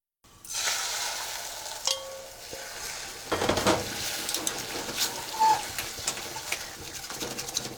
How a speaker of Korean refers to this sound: 냄비에다 달걀을 조금 붓고 온도를 체크해 봅시다. 소리를 잘 들어보세요. 은은하게 지글거리는 소리가 들렸는지요. 이 정도까지 냄비가 식으면 달걀을 단번에 모두 넣습니다.